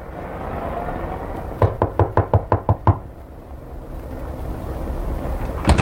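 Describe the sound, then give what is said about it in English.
Seven quick, evenly spaced, sharp knocks on the ramshackle wooden door of 183 Lightman Apartments on Greer Street, in a dingy dock suburb, rising over a low background rumble, then falling silent. “I knocked on the ramshackle door of 183 Lightman Apartments.”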